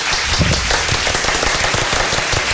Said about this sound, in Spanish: Me voy a poner un aplauso. Y aprovechando. Ven. Me voy a autoaplaudir. Sí, es que les diría que me aplaudieran ustedes, pero ustedes no tienen la consola con los efectos.